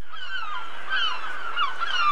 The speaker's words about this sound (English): What is a gull? Be more specific. What is a seagull? Seagull, yes.